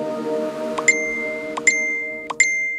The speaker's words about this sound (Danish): Ja, det her, det er da en velkendt lyd for de fleste, og de fleste tager sig også til lommen, når de hører telefonen plingelinge.